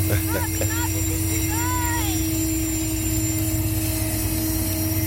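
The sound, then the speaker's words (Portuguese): A loaded freight train, led by the locomotive nicknamed Bradona, rolls past, a loud, steady rumble and engine drone throughout, with a few brief squealing, wavering tones early on. “E esse trem que vai passar aqui agora é um trem carregado.”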